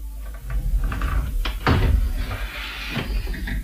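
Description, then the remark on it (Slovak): A painted wooden door opens: a couple of light clicks, then a heavier thud and scrape as it swings, followed by a softer knock near the end, with no voices. “Otvor dvere maľované. Nenechaj ma takto darmo klopkať na ne.”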